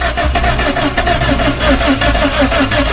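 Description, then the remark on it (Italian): A car engine with no fuel in the car cranks over and over in a steady, rapid rhythm without catching as the key is turned, loud, with no voices present. “Danny, gira la chiave, accendi il motore, andiamo.”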